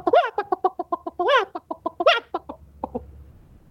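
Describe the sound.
A chicken clucks rapidly in a steady run of short, sharp calls with a couple of louder squawks mixed in, clear, trailing off into a few softer clucks.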